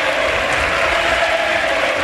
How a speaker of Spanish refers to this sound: Ojo, chicos, porque ovación en Butarque, todo el estadio de pie para la retirada del bigoleador y pichichi de la Liga, Sergio Camello, para que entre Alemão y también se retira, mira.